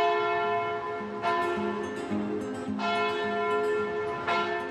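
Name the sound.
church bells ringing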